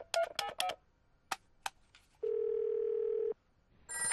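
A quick run of telephone keypad beeps as a call is dialled from home to a father's office to wish him a happy birthday, then the phone ringing on the line as one steady, loud tone for about a second; another ring begins at the end. No one speaks.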